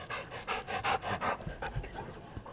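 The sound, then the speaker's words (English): A dog pants rapidly and steadily, a run of quick breathy huffs with no one talking; it is Bear, the school therapy dog at Melbourne High School in Arkansas. “This is Bear. Bear's our school therapy dog.”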